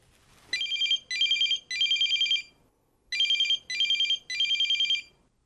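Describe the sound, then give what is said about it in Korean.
A telephone rings in two bursts of three short electronic trills each, with a brief pause between groups, clear with no voices, as a woman places an early-morning call to a man. “여자가 전화를 건 목적을 파악하는 문제였고요.”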